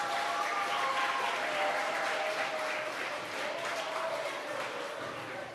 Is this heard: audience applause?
yes